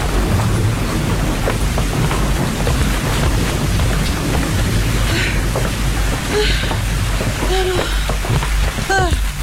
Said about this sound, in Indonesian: Gawat, hujannya semakin deras. Bisa-bisa basah kuyup kita, guys.